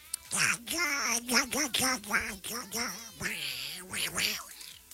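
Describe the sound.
A person talks continuously in a raspy, squawking duck-like voice, a cartoonish quacking imitation filling the whole stretch with choppy, energetic bursts.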